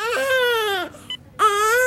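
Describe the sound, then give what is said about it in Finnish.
A newborn baby wails loudly in two sustained, strained cries separated by a brief gasping pause, with no other voices. “Siinä se nyt on. Meidän oma vauva.”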